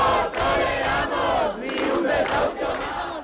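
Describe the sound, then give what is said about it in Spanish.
A large protest crowd camped overnight in the Puerta del Sol in Madrid, Spain, during falling temperatures, shouts and chants together in a loud, sustained roar, many voices overlapping, with brief dips between rhythmic bursts of chanting. “ni la bajada de las temperaturas han impedido que cientos de personas sigan acampada una noche más en la Puerta del Sol de Madrid, en la tercera noche a la intemperie.”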